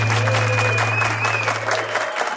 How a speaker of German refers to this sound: Uiuiui, nein, ja, es ist ein eingespielter Applaus, aber er kommt das auch von außen, habe ich da erfahren.